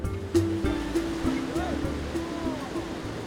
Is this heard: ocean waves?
yes